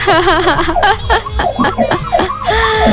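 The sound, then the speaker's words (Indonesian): A passing emergency vehicle siren wails with a rapidly wavering pitch, loud at first, then continues beneath people talking. “Ada alarm lewat ya, yaudah.”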